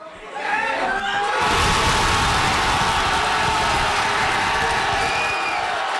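A crowd at a watch party in a Fredericton pub erupts into loud, sustained cheering and shouting after a brief quieter moment, a dense roar of many voices holding steady for several seconds, as Canada's men's soccer team scores the only goal, in extra time, against South Africa at the World Cup.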